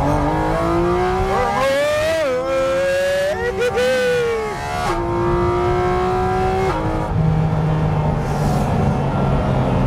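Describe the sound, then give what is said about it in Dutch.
A sports car with a dual-clutch gearbox accelerates hard out of a corner at the limit of grip, its loud whine climbing in pitch, dropping briefly at gear changes, then pulling steadily higher again for the whole stretch. “Weet je, dat je in dit soort bochten gripgrens opzoeken en dan uitaccelereren.”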